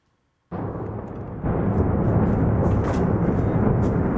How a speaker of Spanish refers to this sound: Y esta era la explosión que generaba un ataque ruso al centro de Kiev. Esta madrugada, la capital ucraniana ha vuelto a estar en alerta por misiles y drones lanzados por Moscú.